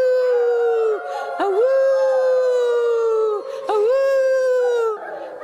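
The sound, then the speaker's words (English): A voice imitates a wolf, letting out long, sustained howls with rising and falling pitch, two drawn-out calls separated by brief breaks, loud. “Could he ever howl? Awoo! Awoo!”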